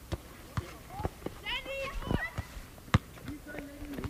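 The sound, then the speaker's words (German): Children shout and call out while a ball bounces with sharp, irregular thuds and quick footsteps patter across the ground, like kids playing ball outdoors. “Also ich höre schon Kinder schreien, Ball, Rennen, dann halt der Wind, die Bäume rascheln und manchmal Vögel.”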